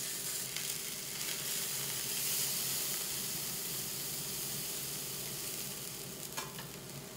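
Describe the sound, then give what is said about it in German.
A steady, loud sizzle of venison loin searing in a hot pan, with continuous bright crackling and hiss throughout and a few faint scraping sounds, no voices. “Dann darf der Hirschrücken in der heißen Pfanne scharf anbraten.”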